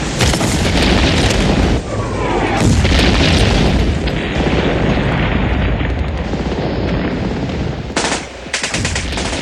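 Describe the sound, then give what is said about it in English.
A large French artillery battery fires just beside a shell-destroyed estate in wartime, in a loud, sustained barrage: heavy booms and rapid cracking blasts run together almost without pause, with a few sharper bursts standing out near the end. “A large French battery is firing just at our door and make a terrific noise.”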